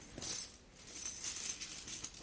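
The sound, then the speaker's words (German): Gold and silver coins from around the world, in a linen bag, clink and jingle together in a soft, continuous patter of bright metallic ticks, fairly quiet, with no voices. “Lauter Gold- und Silberstücke.”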